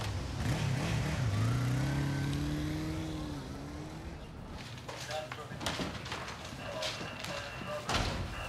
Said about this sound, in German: Das gibt's doch nicht. Ein roter Sportwagen? Das ist ein Spider. Ist doch nicht ihr Auto.